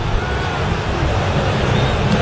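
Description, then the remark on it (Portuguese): A stadium crowd of Corinthians fans boos player Pedro Raul, a thick, sustained low roar of many voices that stays loud and steady throughout without any break. “De vaia, vaia, vaia em cima do Pedro Raul, que ninguém, nenhum torcedor corintiano mais suporta ele.”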